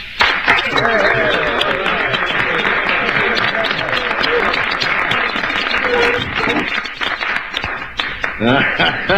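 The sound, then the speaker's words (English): A platoon applauds Sergeant Hulka loudly and steadily for about nine seconds, the dense clapping mixed with shouts and cheering voices, tapering a little toward the end. “I think that we owe a big round of applause to our newest, bestest buddy in Big Toe, Sergeant Hulka.”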